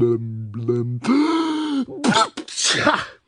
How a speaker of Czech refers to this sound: A znovu mocně kýchla.